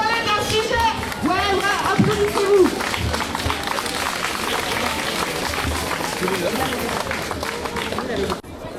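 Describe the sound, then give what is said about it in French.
A protest crowd marching against climate warming toward the seafront cheers and shouts in a dense, continuous roar, with rising whoops and calls cutting through scattered clapping and babble of many voices. “Il y a des acclamations comme ça.”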